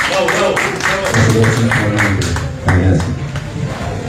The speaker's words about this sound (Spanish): Por favor, fuerte aplauso para recibirlo.